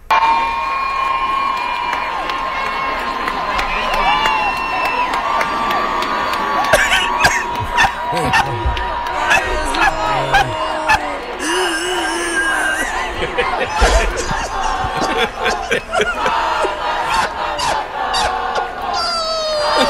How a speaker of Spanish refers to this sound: Ay, la gente eufórica con él, qué lindo.